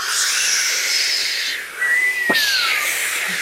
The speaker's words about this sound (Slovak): Sme znova na lodi. More, vichrica.